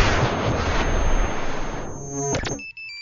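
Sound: cell phone ringtone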